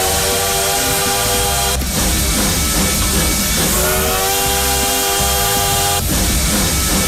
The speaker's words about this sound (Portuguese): E o trem bala? E o trem bala tá por aí, ó.